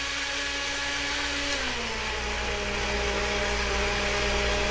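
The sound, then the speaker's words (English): A kitchen blender blending South Indian romborasi chili runs steadily and loudly, its motor whine dipping slightly in pitch partway through as it settles into a constant churning roar, with no voices. “Let's put that in the blender.”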